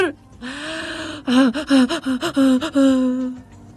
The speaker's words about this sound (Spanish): Es mi respiración de ansiedad.